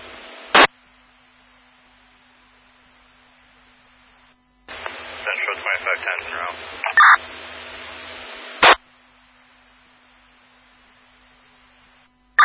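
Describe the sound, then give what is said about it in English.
Scratchy fire dispatch two-way radio traffic: a short squelch burst, then a longer transmission carrying steady electronic alert tones, disregard tones to Colbert Fire and Bangor Fire for a structure fire on Quaker Street, over hiss and garbled chatter, ending with another squelch click. “These are your disregard tones for the structure fire on Quaker Street.”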